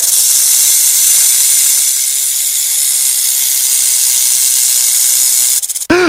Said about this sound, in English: Uh-oh, I think there's a snake in the show!